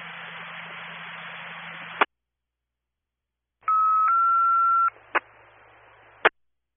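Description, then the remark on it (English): A burst of radio static cuts off, then steady dual-pitched telephone keypad tones sound in two short steps, followed by sharp clicks over faint background hiss. “Press buttons with the key to the phone.”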